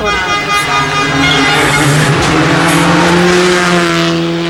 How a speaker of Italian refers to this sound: Questa era Luca Bertani con Stefano Oppimitti su Skoda Fabia Rally 2.